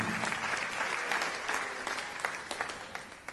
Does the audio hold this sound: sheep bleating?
no